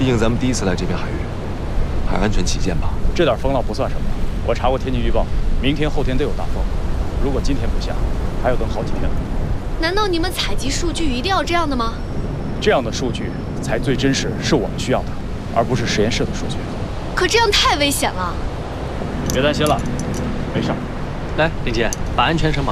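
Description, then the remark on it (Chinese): Steady, rushing wind and surf noise fills the background throughout as the wind picks up and the ocean waves grow bigger around a boat at sea, a constant broad roar of waves, with people talking over it. “好像起风了，你看这浪也变大了，你们还是等会儿再下海吧。”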